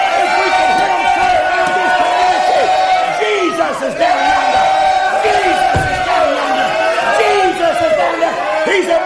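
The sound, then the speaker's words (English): A church audience shouts, weeps and cries out together as they are blessed, many overlapping voices rising and falling in loud, continuous waves of excited, wailing exclamations with no pause for the whole stretch. “They're shouting. They're weeping. They're crying.”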